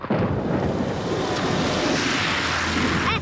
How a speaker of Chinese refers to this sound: 你这车怎么开的呀？你溅我一身水，你给我回来！ 哎呦，你这摩托车要飞啊，溅我一身水啊，你给我回来回来。